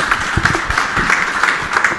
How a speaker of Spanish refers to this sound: así que escuchamos, por favor, fuerte los aplausos.